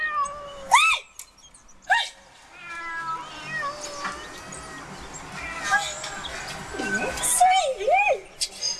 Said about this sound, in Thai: นี่แมวป้าทั้งนั้นเลยโอ้ยโอ้ยอยู่นี่ นี่คือแมวของป้า แมวของป้าทั้งนั้นเลยค่ะ 4-5 ตัวนี่ของป้าทั้งนั้น นี่คือของป้าหมดเลย